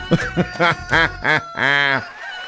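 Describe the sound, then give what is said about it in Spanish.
A rooster crows once at 7:44 in the morning, loud: a quick run of short, clipped syllables that ends in one longer, drawn-out note. No one talks over it. “ahí está el gallo cantando el gallo.”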